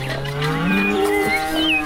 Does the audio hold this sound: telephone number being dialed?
no